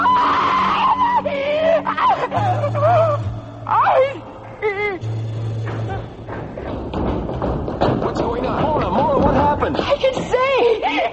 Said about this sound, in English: Thank God, when we heard you scream, we didn't know what to think.